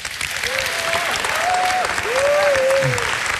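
An audience claps steadily and loudly for a few seconds, a dense crackling wash of many hands, with some short rising and falling voiced whoops or cheers riding over it.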